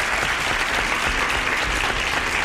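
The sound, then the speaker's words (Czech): Steady, dense applause from many hands, sent by a radio listener, a continuous even patter of claps at a fairly loud level with no voices standing out. “Tak já nevím, jestli slyší v tuto chvíli, ale posílá mi potlesk.”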